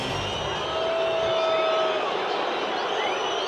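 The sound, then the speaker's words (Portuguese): A large football crowd of Palmeiras supporters boos in a steady, dense roar that barely changes in level, unhappy with the team's performance and a 1–1 result against Cruzeiro, with a few shrill whistles cutting through above the noise. “É, vaias. Torcedor do Palmeiras não está satisfeito com a apresentação e com o resultado.”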